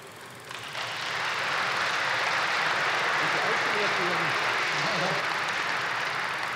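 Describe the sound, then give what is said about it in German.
Engines of a new Lufthansa Boeing 727 jet airliner swell into a loud, steady roar after a brief quieter start as it flies over the city of Kassel, a dense rushing whine that holds unbroken, with faint murmuring voices of guests buried underneath. “Noch bevor an allen Plätzen das erste Glas Sekt serviert war, kurfte die Maschine bereits über der Stadt, deren Namen sie nun trägt.”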